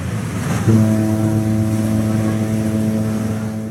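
A truck carrying a shipping container to a Chinese port, probably Shenzhen or Shanghai, rumbles, then settles into a deep, steady droning engine hum that holds loud and even for several seconds, with no voices.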